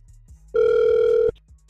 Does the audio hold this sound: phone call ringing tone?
yes